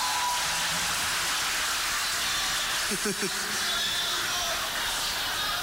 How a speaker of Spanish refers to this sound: Fuerte el aplauso para las palabras del escribano.